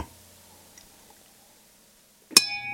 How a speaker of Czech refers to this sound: To jsem byl já. Tak. A když jeden hrníček trefí druhý hrníček, tak to se stává.